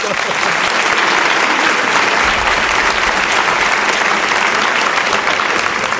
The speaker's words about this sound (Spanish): No sé si se pidió un aplauso para él o se pidió un aplauso.